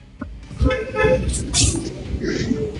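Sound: car horn honking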